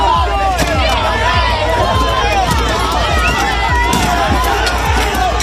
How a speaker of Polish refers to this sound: To fragment starcia protestujących z policją.